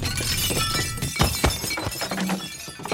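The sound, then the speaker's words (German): Glasses shattering in a chaotic burst: several sharp crashes and tinkling breaks, with clattering debris and low thuds scattered across a few seconds, loud. “Eine kleine Ewigkeit hörte er Gläser klirren, Stühle rücken, Stimmen aufgeregte und ruhige.”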